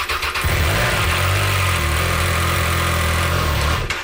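A Triumph 660 Sport light touring motorcycle engine cranks and catches, then settles into a steady, loud, rumbling idle that fills the next few seconds before cutting off.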